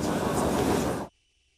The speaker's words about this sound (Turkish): Erdoğan, Kayaşehir'deki tören alanına da metroyla geldi. Halkalı Marmaray'dan yeni metroya binen Cumhurbaşkanı Vatman koltuğuna oturdu.